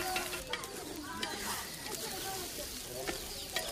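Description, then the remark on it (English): Rice with gombe sizzles and bubbles in a pot while women stir it with steady scraping motions, cooking it for a wedding, with people talking faintly in the background. “Today, the women are cooking rice with gombe, which will play an important part at the wedding.”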